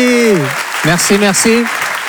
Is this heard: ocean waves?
no